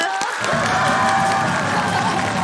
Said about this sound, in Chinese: 同时我们也要用热烈的掌声欢迎咱们的新朋友叶童老师。